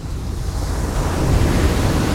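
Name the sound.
sea waves and breeze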